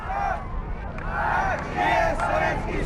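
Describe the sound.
A large crowd in Prague chants the name Gagarin in unison, bidding farewell to cosmonaut Yuri Gagarin before his special TU-104 aircraft departs, voices rising in repeated rhythmic bursts over a steady low rumble of background noise.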